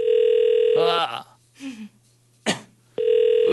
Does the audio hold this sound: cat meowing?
no